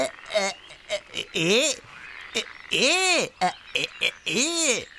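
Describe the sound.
Three drawn-out, rising-and-falling frog croaks, apparently voiced by a person imitating a frog, sound loud, spaced evenly with short vocal bursts between them.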